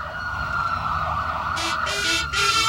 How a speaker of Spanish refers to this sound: Evitemos esa sirena que estamos escuchando de fondo